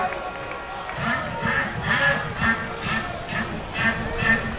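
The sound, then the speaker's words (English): A duck quack sound effect repeats in a steady rhythm, around eight nasal quacks in a row, over a murmuring stadium crowd with voices talking underneath, during a WSU baseball game. “I do not miss that. The duck quack.”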